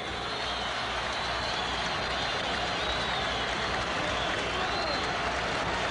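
Sustained audience applause fills the space, a dense, steady wash of clapping from a large crowd that holds at the same loud level throughout, with faint crowd noise mixed in.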